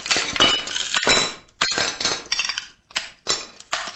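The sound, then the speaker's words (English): Old china plates shatter in a run of loud crashes, each break followed by the bright clatter and tinkle of falling shards, with short pauses between smashes and no talking. “When he's not shattering old china”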